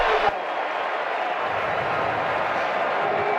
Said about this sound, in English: And flags. False start, Iowa State. It's loud, and the crowd had something to say about that 5-yard penalty.